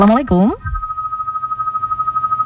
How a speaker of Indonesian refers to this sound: Oke, terputus, ya. Silakan untuk dicoba kembali yang ingin bergabung lewat line telepon.